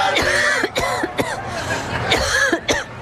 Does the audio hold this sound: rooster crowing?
no